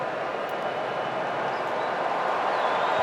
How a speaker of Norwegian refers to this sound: Da blir det litt venting her. Avmålt jubel først. Kanskje det blir en liten eksplosjon her.